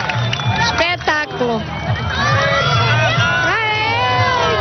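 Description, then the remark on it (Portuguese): A crowd erupts in cheering and excited shouting at a total solar eclipse as the moon fully covers the sun, many overlapping voices whooping and rising in pitch, loud and sustained throughout with a low rumble beneath. “Como se fosse uma passagem de ano, porque realmente o sol está a desaparecer, a lua está a cobrir por completo e, aliás, a reação é esta. É agora.”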